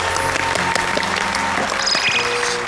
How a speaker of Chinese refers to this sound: 我们掌声有请。